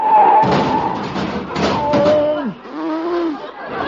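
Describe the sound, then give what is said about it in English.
An Essex car runs into the car in front of it after missing a signal change, breaking its headlight: a heavy thud and crunching clatter, then a second louder impact, followed by a low wavering, groaning tone as things settle. “Oop, and there's a car right in front of me.”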